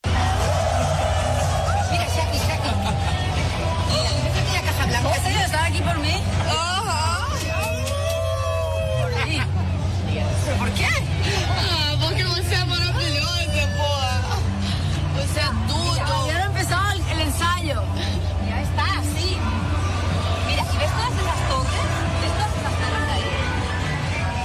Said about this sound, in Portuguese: o pessoal já foi se aglomerando e a galera estava cantando a todos pulmões, a plenos pulmões. Eu até separei um trecho aqui dela na sacada, ouvindo e vendo as pessoas e não acreditando naquela multidão que estava ali só para ela.